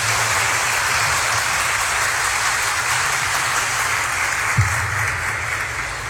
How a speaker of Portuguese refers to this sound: Palmas agora.